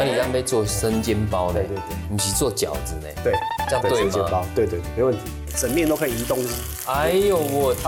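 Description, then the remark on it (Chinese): Boiled-type dumplings (shuijiao) sizzle steadily as they are pan-fried at home in the style of shengjian bao, a continuous crackling hiss running beneath lively voices talking throughout. “今天在家里面就可以做出好吃的生煎包，而且今天听说有升级， 我们今天是用水饺。”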